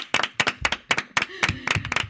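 A short burst of applause: a small group clapping in quick, uneven bursts for about two seconds, with a faint voice briefly audible underneath.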